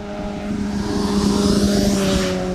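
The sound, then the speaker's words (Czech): A motorcycle speeds past a speed radar in Nová Rabyně, Czech Republic, well above 50–60 km/h, its steady engine drone swelling loudly and then shifting in pitch as it passes, with no voices present. “Stojím v Nové Rabině přímo u radaru, okolo mě právě teď prosvištěl motorkář, který podle mě 100% může očekávat pokutu, protože rozhodně jeho rychlost nebyla 50 ani 60 km v hodině.”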